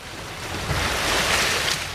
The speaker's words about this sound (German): Sanft wogt das Wasser am Hafen von Sansibar. Bis auf das Meeresrauschen ist nichts zu hören.